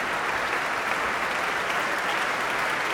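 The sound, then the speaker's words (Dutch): Sustained, dense applause from a large concert hall audience in Amsterdam for pianists Juliana Avdeeva and Tiani Lu fills the whole moment, a steady wash of many hands clapping at an even, loud level with no voices heard. “Om dit bijzonder enthousiaste applaus in ontvangst te nemen.”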